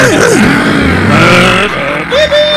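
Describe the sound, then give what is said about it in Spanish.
A child mimics a race car engine with his voice while playing with a toy race car, a loud, continuous buzzing drone whose pitch swoops up and down like revving, with a final rising whine near the end. “Y ahí hacía el ruido del motor con el hocico, ¿se acuerda?”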